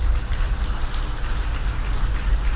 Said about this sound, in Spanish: También destacar al maestro de ceremonia. Un aplauso, por favor.